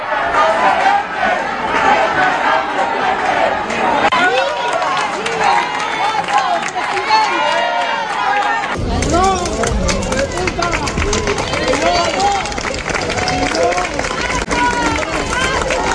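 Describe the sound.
A dense crowd at the seafood festival in O Grove, Galicia, greets Spanish Prime Minister Pedro Sánchez with overlapping applause, cheers, insults and shouts about the situation in Ceuta, loud and continuous throughout, with a brief surge of noise about halfway through as voices rise together.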